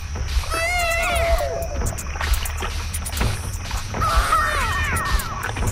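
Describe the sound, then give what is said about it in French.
Two bursts of a baby's wail from a 1970s sound-effects vinyl record, sample-like and warped, sweeping up and down in pitch as it is scratched back and forth on the record, over a steady low rumbling backing. “C'est un bébé, en fait, sur un vinyle, dans un vinyle de Sound Effects des années 70.”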